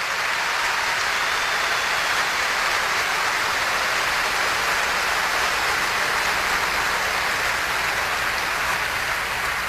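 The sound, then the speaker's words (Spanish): An audience at a church service applauding the Lord Jesus, a dense, steady wash of clapping that stays loud and even for the full stretch, with no voices rising above it. “Vamos a aplaudir el perdón del Señor.”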